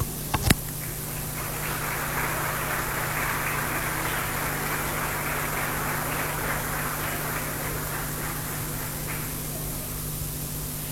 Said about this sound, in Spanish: Recibimos con un fuerte aplauso a los estudiantes del segundo ciclo.